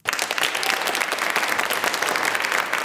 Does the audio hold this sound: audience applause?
yes